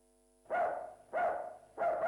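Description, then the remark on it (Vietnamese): A dog barks three times in quick, evenly spaced succession at midday as someone arrives at a house, each bark loud and slightly drawn out, with no voices around it. “Ủa ai tới vậy kìa, chó sủa sầm hết trơn.”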